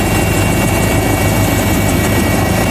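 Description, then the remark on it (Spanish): A helicopter passes overhead, its rotor producing a loud, steady rhythmic thumping over a dense engine roar that fills the whole short stretch without letting up; one of four camera-equipped helicopters providing security for Pope Leo XIV's visit in Madrid, Spain. “Fíjate, solo en Madrid 4 helicópteros con cámaras van a velar por la seguridad del Papa y de todos.”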